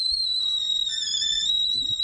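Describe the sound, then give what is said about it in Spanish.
A kettle whistles steadily with a piercing, high sustained tone and faint harmonics, a brief second pitch joining midway, over a low rumble of boiling steam. “Una tetera, sí, un esto, es un ruido de cosa hirviéndose.”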